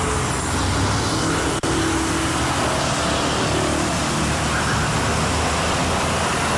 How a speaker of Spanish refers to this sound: Así se encuentra el tráfico vehicular sobre la carretera internacional 190 a la altura del puente donde se encuentra el Monumento a la Madre, a unos metros.